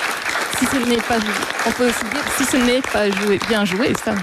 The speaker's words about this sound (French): On peut l'applaudir. Bravo.